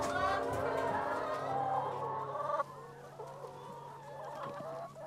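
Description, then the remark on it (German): Several laying hens that were still not finished laying eggs at midday cluck and cackle together in a busy, overlapping chorus, steady, with the noise easing slightly partway through. “Und das sind noch die Hühner, die heute Mittag mit ihrer Arbeit noch nicht fertig waren.”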